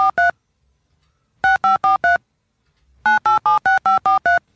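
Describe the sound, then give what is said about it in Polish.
Short, bright electronic beeps like telephone keypad dialing tones, played from a 'Dialtones' preset: a pair, a pause, a run of four, then a quicker string of eight, each a slightly different pitch, with no talking. “Różne tony sobie wybijam właśnie.”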